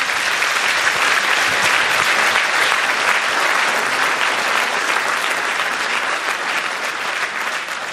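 An audience claps steadily for the full stretch, a dense, even wash of many hands with no voices breaking through, easing slightly toward the end.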